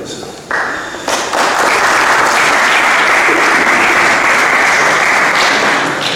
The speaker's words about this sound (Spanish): En este punto vamos a escuchar ahora mismo la intervención del concejal de Economía, Desarrollo Local, Comercio y Empleo, don José Eugenio Marín. Un aplauso.